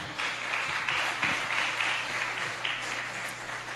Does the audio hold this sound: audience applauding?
yes